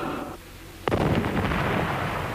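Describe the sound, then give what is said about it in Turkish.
Cannon fire: a fading low rumble, a brief lull, then a sudden loud boom that rolls into a long, sustained thundering roar. No voices are heard. “Deniz ufkunda bu top sesleri nereden geliyor?”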